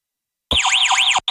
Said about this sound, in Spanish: Así suena tu alarma de Securitas Direct.